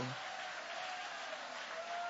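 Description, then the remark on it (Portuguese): An audience applauds steadily, a dense, even wash of many hands clapping at once that holds at a constant level for the whole couple of seconds, with no clear voices standing out. “Vai, levanta a mão e vai aplaudindo.”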